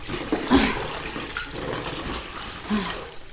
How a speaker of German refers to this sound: Hier ist heißes Wasser für das zweite Bad.